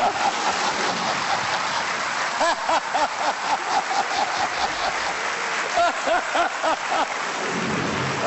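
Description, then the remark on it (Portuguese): Heavy rain pours down outside in a steady, dense hiss that fills the whole stretch, loud, with indistinct voices surfacing briefly beneath the downpour. “Vamos só dizer que lá fora está a cair uma carga d'água.”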